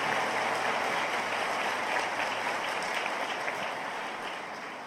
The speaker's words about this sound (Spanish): Dios los bendiga, un aplauso para ellos. Amén.